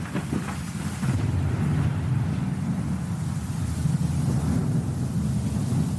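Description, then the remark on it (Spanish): A stormy night before dawn on the Royal Mile in Edinburgh, 22 September 1679, with wet cobblestones: a deep, continuous rumble of thunder rolls steadily throughout, with a wash of rain-like hiss above it. No voices, just the sustained storm. “Los adoquines mojados revelan la fría noche de tormenta.”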